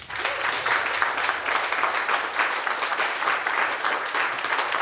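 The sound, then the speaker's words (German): Steady applause from a crowd welcoming a singer as a guest. Dense crackling claps fill the whole stretch at an even, fairly loud level, with no voices over it. “Einmal Applaus bitte für ….”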